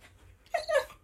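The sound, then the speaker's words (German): A TV dog lets out a short, high whimper in two quick rising whines, fairly soft, with no talking over it. “Ich glaube, er hat gesagt, dass das ganz schön war hier heute.”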